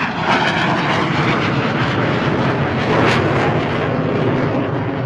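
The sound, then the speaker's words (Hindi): A small propeller plane flown by a skilled pilot drones steadily and loudly overhead, its engine a continuous broad roar that holds level throughout, with no voices present. “फिर भी निरंतर अभ्यास के कारण वो इन छोटे विमानों को भी उड़ाने में सिद्धहस्त हो गए थे। वो कमाल के पायलट थे। जब वो अपना विमान उड़ाते तो उनकी कलाबाजियां देखते ही बनती।”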